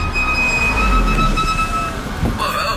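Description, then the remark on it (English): A loud, sustained high-pitched squeal of car brakes over a low rumbling engine, holding steady for a couple of seconds before cutting off as the vehicle stops. “Brakes are hard to miss. Yeah, they've been making some noise.”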